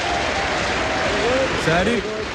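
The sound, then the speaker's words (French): The Top of the Pops studio audience on BBC One applauds the week's DJ, Jimmy Savile, steadily and loudly throughout, a dense wash of clapping with a few voices calling out over it near the end. “Un tonnerre d'applaudissements pour notre DJ de la semaine, Jimmy Savile.”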